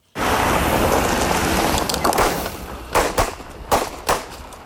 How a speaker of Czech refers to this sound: A jen upozornění na začátku reportáže zazní výstřely.